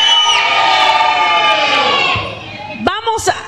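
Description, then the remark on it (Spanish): A group of men lets out a loud, sustained war cry together, holding it for about two seconds before it fades into a few scattered shouts and whoops. “Un grito de guerra a los varones.”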